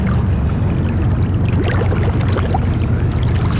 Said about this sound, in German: Eine Taucherin in einem rot-schwarzen Anzug auf dem Boot macht sich parat und taucht ab.